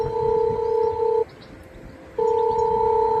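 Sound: intercom call ringing tone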